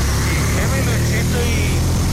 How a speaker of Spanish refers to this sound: Se preguntarán por qué se escucha así. Él va en moto, va en casco, va con su visera y tal, y por eso se escucha de esta forma.